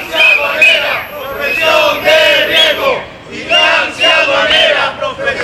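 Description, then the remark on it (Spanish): A crowd of Tax Agency workers, protesting during a one-hour partial strike, chants loudly in unison outdoors in front of the Tax Agency office in Las Palmas de Gran Canaria, Spain. They repeat a rhythmic slogan in strong, swelling bursts with brief dips between phrases. “Así se han concentrado frente a la delegación de la Agencia Tributaria de Las Palmas de Gran Canaria en plena campaña de la renta.”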